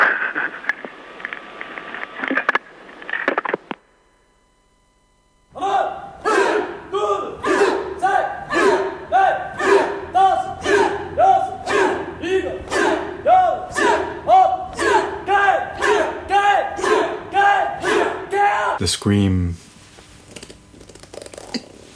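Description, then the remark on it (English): A burst of rough noise, a short silence, then a long run of loud, harmonic human screams or yells repeating in a steady rhythm, about two per second, before ending abruptly. “The scream.”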